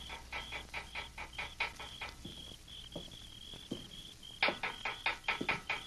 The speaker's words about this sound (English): Under cover of darkness, he made his way quietly to the rear of the adobe building, and picking up a small stone, he rapped on the bars of Hawk's cell window.